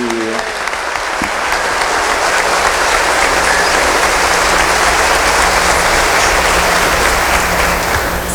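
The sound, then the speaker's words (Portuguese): Loud, sustained standing applause from a large crowd for the catechists, a dense continuous roar of clapping that holds steady for several seconds without any talking over it. “Em pé agora, uma salva de palmas com ânimo.”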